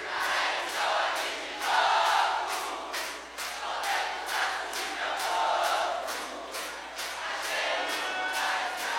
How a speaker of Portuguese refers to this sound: Bate na palma da mão, bate na palma da mão. A bateria vai parar e vai ficar só as palmas de vocês, vamos lá? Um, dois, três, bate palma e canta junto.